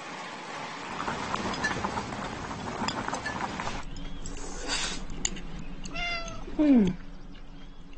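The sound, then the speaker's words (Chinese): A cat lets out a single loud meow near the end, rising and falling in pitch, over steady background noise and faint household clatter. “嗯，这猫是谁养的？”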